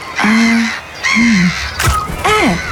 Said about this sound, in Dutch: Ja, meeuw.